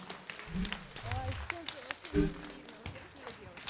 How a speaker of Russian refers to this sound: Тройные аплодисменты. Аплодисменты. Слов нет, дорогие друзья, сплошные овации.